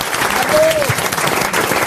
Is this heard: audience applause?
yes